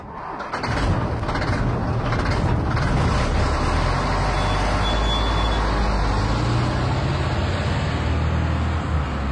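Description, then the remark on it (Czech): A big truck engine rumbles steadily and loudly, a deep continuous roar with mechanical clatter as the vehicle drives, with no talking. “No, to je nějaké velké auto, že ano? No tak pozor, 3, 2, 1, nákladák.”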